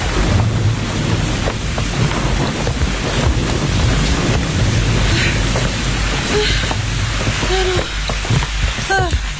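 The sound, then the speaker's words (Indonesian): Heavy rain, growing heavier, pours down in a dense, steady roar, with gusty rumbling underneath and a few faint voice-like chirps near the end. “Gawat, hujannya semakin deras. Bisa-bisa basah kuyup kita, guys.”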